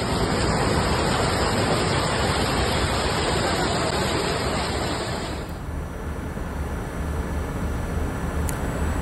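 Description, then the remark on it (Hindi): A steady, loud roar of rushing floodwater fills the whole recording, churning continuously without pause; partway through, the sound grows slightly duller as its higher hiss fades. “पानी अपने प्रचंड रूप में था लेकिन स्थानीय लोग वहां पर पहुंचे, ड्राइवर को बाहर निकाला।”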